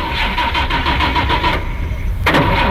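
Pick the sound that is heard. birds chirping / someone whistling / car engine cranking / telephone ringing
car engine cranking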